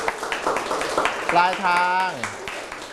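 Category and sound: crowd, classmates clapping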